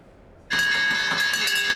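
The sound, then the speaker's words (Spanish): After a brief quiet moment, a loud, shrill trading-floor bell starts abruptly and rings continuously with a rapid rattling buzz, steady, with no voices, marking the stock market debut of the Romanian telecom group Digi at 5.6 euros a share. “Al toque de campana y a la segunda, Digi sale a bolsa después de aplazar su estreno en abril.”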